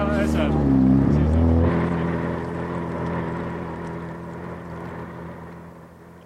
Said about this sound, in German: bis der junge Mann mit dem eleganten Motorboot das Segelschiff anschleppte